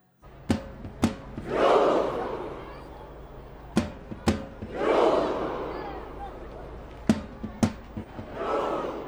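A huge crowd of about 100,000 Norwegian football fans in front of the Royal Palace in Oslo performs a Viking thunder clap: pairs of sharp, loud unison claps a few seconds apart, each followed by a deep, rumbling collective shout that swells and fades.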